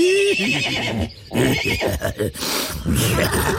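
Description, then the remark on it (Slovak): A horse whinnies loudly, a long quavering neigh that breaks into several shaky bursts over a few seconds, with no one speaking. “A doktor sa rozrehotal ako taký kôň.”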